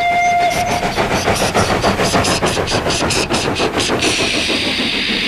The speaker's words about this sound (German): Diese Loks haben keine Pfeifen, sie haben stattdessen Hupen. Dampfloks und Dieselloks sind wirklich sehr verschieden.